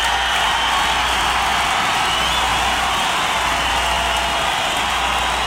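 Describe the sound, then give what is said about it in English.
A large live audience applauds itself steadily, a dense wash of clapping that holds at an even, fairly loud level throughout, with no voices standing out. “Listen, I want to tell y'all, you've been a dynamite audience and you deserve to give yourselves a round of applause.”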